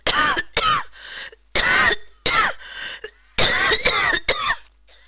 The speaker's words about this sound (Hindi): घुस गई और वो खांसने लगा।